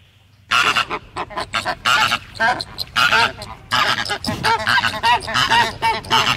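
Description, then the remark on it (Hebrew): A flock of flamingos calling continuously, a dense chorus of nasal, honking, goose-like cries overlapping in rapid bursts with no pauses and no voices. “מה זה? פלמינגויים.”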